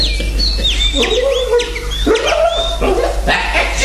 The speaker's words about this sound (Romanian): Domnul Orgon, bucuros de ideea năstrușnică a Silviei, a trecut pe terasă să se întrețină cu papagale și canarii din colivii.